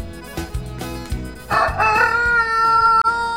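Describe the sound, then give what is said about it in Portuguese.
A rooster named Papudo, owned by Acílio Severo, lets out one long, drawn-out crow, loud, rising in pitch and holding steady to the end, over a low, rhythmic thumping background, played on the Bom Dia 104 morning show. “Tá aí o galo Papudo, né, do seu Acílio Severo.”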